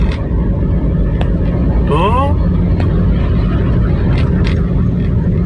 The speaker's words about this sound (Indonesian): jadi gambaran video yang dikirimkan … ini ada truk muat sampah yang kondisi baknya ini memang bolong-bolong ya